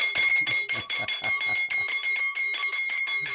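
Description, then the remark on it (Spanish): A mechanical alarm clock bell rings nonstop, a rapid metallic clatter of strikes over a steady high-pitched tone, loud and unbroken for the whole stretch with no voices. “y miren lo que... el despertador.”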